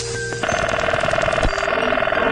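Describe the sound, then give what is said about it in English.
A 1970s telephone bell rings with a rapid, rattling metallic trill that starts abruptly and continues loudly without pause, the clanging strikes blurring into one steady, buzzing ring. “Here's a collection of telephone sounds of the 1970s.”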